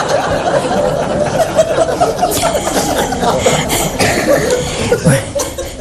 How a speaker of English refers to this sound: This is the signal for a cough.